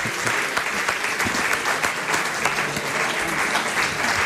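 A sustained round of audience applause in Alicante, dense and steady clapping from many hands for several seconds without a break, fairly loud.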